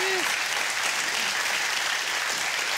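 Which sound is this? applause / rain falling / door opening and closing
applause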